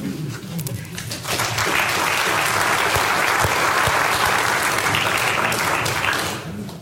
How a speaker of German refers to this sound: Beifall. Großer Beifall.